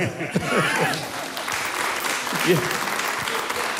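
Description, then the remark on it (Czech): Steady applause from a crowd fills the scene, a dense continuous patter of many hands clapping, with a few voices murmuring beneath it. “Prostě, ano, jestli to bych mohl vyjádřit, já bych jim zatleskal.”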